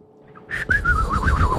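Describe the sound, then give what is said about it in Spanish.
A person whistles a wavering, trilling tune imitating a birdsong, fairly loud, the pitch warbling continuously over a low rumbling background. “Pero hacer como pajarito es un talento.”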